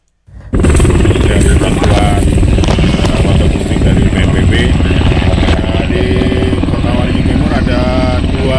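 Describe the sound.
A waterbombing helicopter, sent by the National Disaster Management Agency (BNPB) to fight forest and land fires in Kotawaringin Timur Regency, roars in loudly after a brief silence, a dense, steady chopping thrum that holds for several seconds, with faint voices now and then beneath the engine noise.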